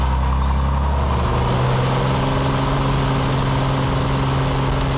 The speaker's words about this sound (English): It's a little plane. It only takes like 2 to 3 minutes.